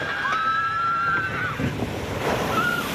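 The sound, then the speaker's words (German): A water ride at an amusement park crashes down, filling the scene with a steady, loud roar of splashing and churning water, with faint high-pitched tones drifting over it. “So klingt eine Wasserbahn im Freizeitpark.”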